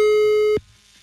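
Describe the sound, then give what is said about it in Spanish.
A telephone ringing tone sounds while a wake-up call is being placed: one loud, steady electronic tone lasting about half a second, then it cuts off abruptly, leaving a faint, quiet background. “Así que marcamos en este preciso momento 744”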